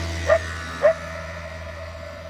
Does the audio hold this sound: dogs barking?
yes